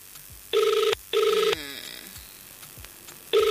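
A telephone ringing in a repeating pattern as an outgoing call to a prize winner goes unanswered: two short electronic bursts, a pause, then another ring begins, with a faint background voice between rings.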